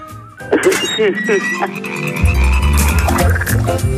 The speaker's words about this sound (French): Ah, les grenouilles, l'eau. Ah, à la mare aux grenouilles.